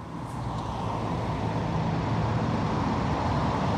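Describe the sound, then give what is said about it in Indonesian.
Steady, dense roar of busy but flowing road traffic at Simpang Gadok in Bogor, Indonesia, with heavy vehicles rumbling past continuously, a constant low engine drone filling the scene without pause and no voices. “Ya, untuk situasi terkini di kawasan Simpang Gadok memang terpantau ramai lancar.”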